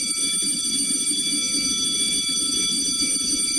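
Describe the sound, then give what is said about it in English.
A school bell rings continuously, a loud, steady electric clang with a bright metallic buzz that holds without pause over faint background murmur. “For some of you, that sound is still a week away.”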